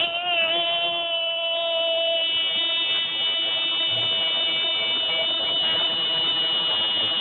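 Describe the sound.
A voice imitates the real loud buzzer of an old wrecker tow truck, holding one harsh, steady, nasal drone for about seven seconds without a break, at full volume.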